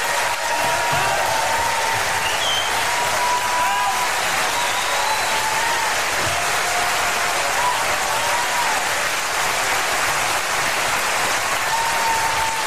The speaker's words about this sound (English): So there you have it, ladies and gentlemen. … at Carnegie Hall. Please, a round of applause to this magnificent orchestra.